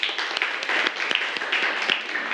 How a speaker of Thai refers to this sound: เฮ้ยดีเอาปรบมือให้เพื่อนหน่อยครับ